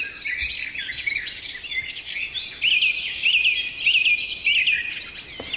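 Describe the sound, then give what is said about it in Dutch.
An evening chorus of reed birds, meadow birds and birds high in the trees, heard on an evening walk from a houseboat at Oudega, Friesland, Netherlands. Many overlapping high chirps and trills sound at once, with one clearer repeated whistle-like phrase standing out midway. The chorus is steady and continuous, with no talking. “tijdens een avondwandeling vanuit woonboot Inske te Oudega, Friesland, in een geweldig vogelconcert van rietvogels, weidevogels en lekker hoog in de bomen allerlei vogels.”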